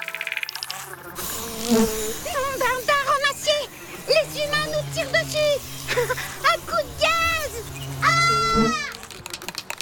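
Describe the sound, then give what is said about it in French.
Wasps about 2 cm long buzz loudly as a neighbor sprays them with insecticide, their droning pitch wavering and swooping as they dart around, with the buzzing continuing almost nonstop through the whole stretch. “Il asperge le produit sur les guêpes.”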